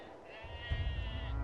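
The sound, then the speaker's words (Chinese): A bony sheep on the Urad grassland, north of the Wuliangsuhai basin, in summer gives a long, wavering bleat that carries through the whole moment, over a low rumbling background that swells partway through. “瘦骨嶙峋的牛羊靠着草料勉强生存”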